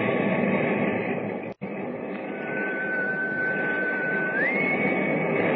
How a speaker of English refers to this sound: I didn't want to ask you before I heard the whistle again.